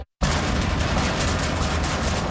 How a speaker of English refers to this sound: Uh-oh, that overhead door sounding a little dramatic.